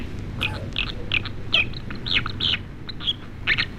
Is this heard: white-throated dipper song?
yes